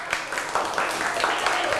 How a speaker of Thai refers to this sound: ปรบมือให้กลุ่มโลหะก่อน